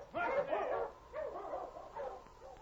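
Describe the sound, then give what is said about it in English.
Sled dogs of a dog team pulling a sled around the side of a mountain bark and yip in three or four overlapping bursts, excited, with no voices over them. “A short distance ahead of Pete and Joe, a dog team and sled was approaching them around the side of the mountain”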